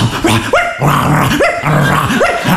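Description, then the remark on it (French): A person imitates a barking dog, letting out a rapid series of loud, yappy barks with rising, whiny pitch, repeated about every half second without pause. “Vas-y, fais le chien, putain, fais le chien”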